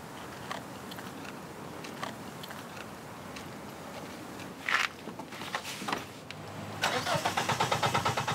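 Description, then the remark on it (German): A car's starter cranks over and over in a rapid, rhythmic churning, with scattered clicks and a louder burst near the end, but the engine never catches. No one speaks. “Doch das Auto will immer noch nicht.”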